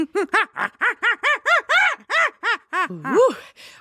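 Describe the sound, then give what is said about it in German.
A person imitates a baboon's scream at low volume: a rapid run of about a dozen short, pitched hooting cries in steady rhythm, ending with a rising, wavering whoop. “Das war jetzt aber kein Huhn. Exactly. That was my Schrei des Pavian.”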